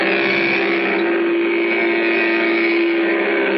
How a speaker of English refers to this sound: Put it on a trike like this, or like this. You get your own special key. Start it like Dad's key starts his car. The remote control is up here where it belongs. Sounds like a real engine.